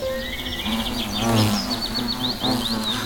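A hornet buzzes in a steady, low drone that swells and dips slightly as it flies around, while small birds chirp and tweet in the background.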